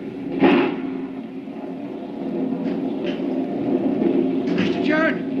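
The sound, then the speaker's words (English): A deep, rolling rumble of thunder from a lightning bolt striking a cliff beside a burying ground fills the whole stretch, steady and heavy, with brief sharper crackles near the start and end and faint muffled voices underneath. “A real granddaddy of a lightning bolt hit the cliff just now, right beside the burying ground.”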